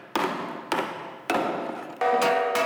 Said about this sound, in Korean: 망치질을 해가면서 이제 그 떨림을 조정해가지고서 우리가 이제 고유 진 소리를 찾아나가서 이게 나에 맞는 진입니다. 이제 그 찾아나가면서 계속 하는 거예요.